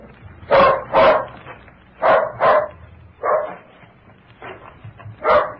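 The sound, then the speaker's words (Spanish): A dog barks loudly, as if at a stranger, giving about six sharp barks, mostly in quick pairs separated by short pauses, with no one speaking. “No deben ser ellos, porque el perro está ladrando como si fuera un desconocido.”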